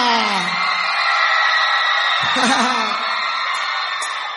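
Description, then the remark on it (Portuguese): A crowd shouts and whoops loudly and continuously, a dense wall of cheering voices with a few sharper yells rising above the roar. “Podem gritar!”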